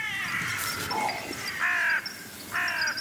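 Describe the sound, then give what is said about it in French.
A carrion crow gives two harsh, drawn-out caws about a second apart, loud, with fainter bird calls and a steady outdoor hiss in the background. “Et vous, sauriez-vous faire la différence, à l'oreille, entre deux corneilles ?”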